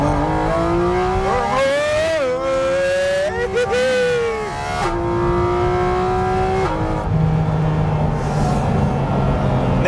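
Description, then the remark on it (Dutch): A sports car's engine revs hard and climbs in pitch through several surges as it accelerates out of a corner at the limit of grip, its harmonics rising and settling, loud with steady road roar underneath. “Weet je, dat je in dit soort bochten gripgrenzen opzoeken en dan uitaccelereren.”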